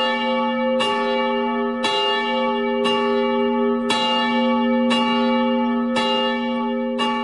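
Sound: church bell ringing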